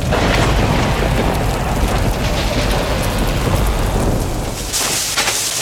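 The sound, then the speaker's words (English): A thunderstorm with steady, dense rain pouring down and deep rumbles of thunder rolling underneath, loud throughout, with a brief surge of harsher downpour near the end. “If you heard that recently, don't ignore it today. Hail can bruise shingles, wind can lift tabs, and falling tree limbs can crack or even punch through your roof.”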